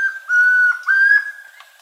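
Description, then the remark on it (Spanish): A chestnut-crowned antpitta (tororoy comprapán) sings clear, pure whistled notes, a few steady tones held close together with short breaks between them, in a recording from the Colombian Bird Sound Bank compiled by the Instituto von Humboldt. The song is fairly loud and there is no other sound. “El trino del Tororoy Comprapan forma parte del Banco de Sonidos de Aves Colombianas, recopilado por el Instituto von Humboldt y la Universidad.”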